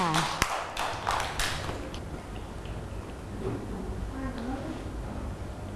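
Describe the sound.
A brief burst of scattered hand claps from a group of children, sharp and uneven for about two seconds, then fading into a low murmur of background voices.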